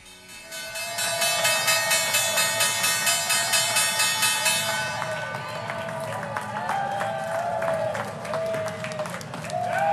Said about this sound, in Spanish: Perdóname que está sonando en estos momentos la campana. Vamos a escucharla. Te pido que me aguantes para que luego nos comentes quiénes son los protagonistas. Vámonos a precisamente Nueva York para escuchar cómo cierra esta sesión con la campana.